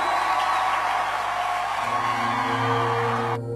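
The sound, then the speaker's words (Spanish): An audience applauds and cheers loudly, a dense, sustained wash of clapping and shouts over steady low musical tones, cutting off abruptly near the end. “Denle ese aplauso fuerte al Señor.”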